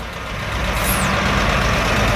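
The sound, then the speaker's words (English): Steady rumble of idling vehicles queuing on a road packed with vehicles leading up to the pumps of a petrol station in Moscow, with a brief high-pitched squeal rising and falling partway through. No one speaks. “And there's another road to my right leading up to the petrol pumps and it too is packed with vehicles.”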